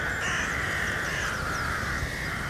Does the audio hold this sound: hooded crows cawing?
yes